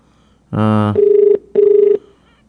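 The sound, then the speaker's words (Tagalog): A board member's cellphone rings loudly: a brief buzzy burst, then two electronic warbling rings separated by a short pause, with no one talking. “Ring ang cellphone ni board member Jamie Villamor.”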